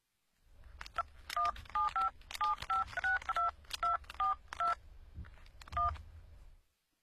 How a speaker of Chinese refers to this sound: 顿时丽莎月儿的手机号在网上显示出来，他立即拨通了丽莎月儿的手机。